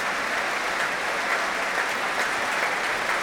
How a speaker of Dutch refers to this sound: Nu ook applaus voor trombonist Jurgen van Rijen.